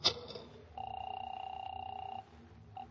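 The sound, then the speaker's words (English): A sharp click, then a telephone ring sounds as one steady, buzzing tone lasting about a second and a half. After a short pause, the next ring begins. No one speaks. “Let me use your phone.”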